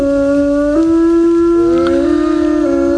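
Several wolves howl together in long, overlapping wavering tones, one voice sliding upward while others hold steady, loud, with no talking.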